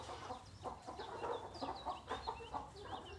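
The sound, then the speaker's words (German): Several Blumenhühner chickens, kept for eggs and breeding, cluck in short, overlapping bursts, with occasional higher chirps from other birds, forming a busy, continuous barnyard chatter. “Wir halten die Blumenhühner vorrangig natürlich für die Eier”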